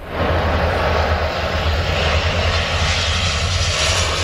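A water bomber aircraft loading up over the Seine River near Paris, France, while fighting a wildfire; its engine drones steadily and loudly throughout, a continuous low rumble with broad roaring noise and no voices.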